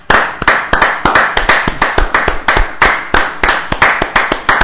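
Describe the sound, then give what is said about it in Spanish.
Sustained applause with many hands clapping in a steady, dense rhythm, loud and continuous throughout, with no voices heard over it. “Que hoy quiero festejar los 9.000 suscriptores con ustedes. Bien, bien. Aplausos.”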